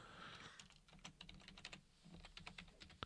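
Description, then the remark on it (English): Rapid, irregular keystrokes clatter on a computer keyboard, fairly quiet, with a low hum beneath and no voices. “Me tapping away on the keyboard.”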